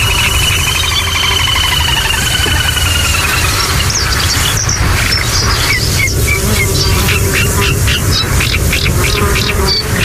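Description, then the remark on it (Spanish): A constant, insistent buzz of mosquitoes and other insects drones loudly through a hot reed-marsh wetland at the Albufera, with repeated high bird chirps and calls scattered over it and no talking. “Y sobre todo ese zumbido como un poco desquiciante, que son los insectos, los mosquitos.”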